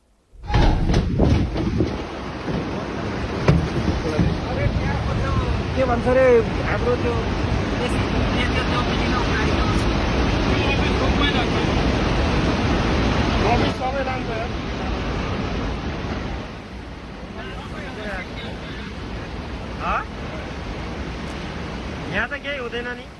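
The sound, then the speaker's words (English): A loud, steady roar of surging flash-flood water, a normal-looking river suddenly turning into a torrent, rushes on without a break for over twenty seconds, easing slightly near the end, with indistinct voices faintly audible beneath it. “And then out of nowhere, you can see and then you can hear the roar. It just turns into almost a Niagara fall in a matter of seconds.”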